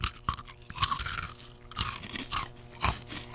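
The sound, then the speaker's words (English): Crisp crunching as someone bites into a hard, twisty dill pickle-flavored pretzel, with several sharp cracking bursts followed by steady chewing over about three seconds, no talking. “Here's the crunch.”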